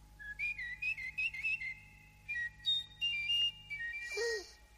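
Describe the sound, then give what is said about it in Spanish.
A nightingale trilling on a perch in an emperor's palace: a string of bright, whistling high notes in short warbling bursts with brief pauses, ending in a quick downward-sweeping chirp. Moderately loud, no talking. “Deja oír tus trinos. Canta.”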